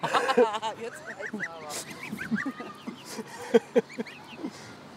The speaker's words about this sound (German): Das weiße Zwerghuhn scheint sich auch für eine Gans zu halten.